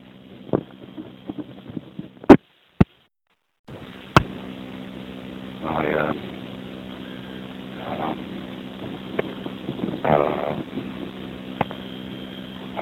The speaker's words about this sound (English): Very windy today.